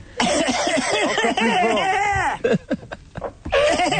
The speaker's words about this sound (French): Je tousse. Tousse très fort.